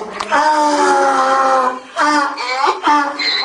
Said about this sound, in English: The Egyptian revolution started on the 25th of January, but in Luxor, every day sounds like an attempted donkey revolution.